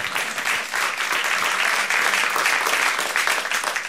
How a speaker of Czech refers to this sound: Takže si zatleskejme taktéž.